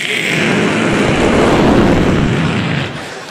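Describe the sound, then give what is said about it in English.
A loud roar of a low-flying airplane passing overhead near an airport, a broad rumbling wash of engine noise that holds steady for a few seconds before starting to fade away. “And it would drive my mother nuts because, you know, every time the plane would come over, it's like, every time those planes come over, the whole house is rattling back and forth and my china closet rattles like crazy and I feel it.”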